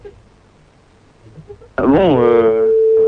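After a quiet, murmuring lead-in, a loud tonal mobile ringtone begins abruptly as a contestant's mobile phone is called in a phone-in game, its melody swooping in pitch before settling on a sustained, bright electronic note.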